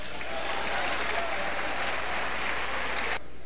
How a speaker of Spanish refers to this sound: Dile palmas al Señor.